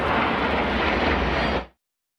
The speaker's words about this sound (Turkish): Türk Yıldızları'nın Konya semalarında nefes kesen gösterisi yaklaşık yarım saat sürdü. Uçakların duman atarak tırmanış, dönüş ve alçalma hareketlerini yapması izleyenleri hayran bıraktı.